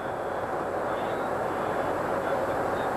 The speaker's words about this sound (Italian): Sono le 9:30, l'aereo ha toccato il suolo iraniano.